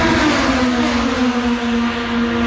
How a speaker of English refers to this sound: Well, the race cars are off in Markham.